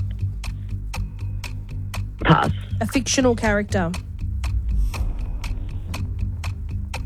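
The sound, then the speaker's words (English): A game timer ticks steadily in a regular, sharp rhythm throughout a timed quiz round in which all answers must begin with the letter G, with people talking quickly over it partway through. “Timer starts at the end of this first question.”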